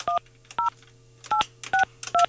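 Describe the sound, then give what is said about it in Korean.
Five short telephone keypad dialing tones, each a steady two-note beep, pressed at a slightly uneven pace over a faint low hum, with no talking, as someone dials to place a phone call. “제가 이분 한번, 나이가 좀 많으시다고 하는데 제가 한번 전화 한번 해볼게요.”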